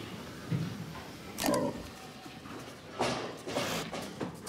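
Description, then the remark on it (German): Pigs held in a separate waiting area before slaughter, four hours before departure and away from their familiar places, with low grunts and a few short, harsh bursts of squealing and shuffling at moderate loudness, no one speaking. “4 Stunden vor der Abfahrt sind die Tiere im abgetrennten Wartebereich, weg von ihren vertrauten Stellen.”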